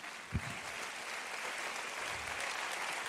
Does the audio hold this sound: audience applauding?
yes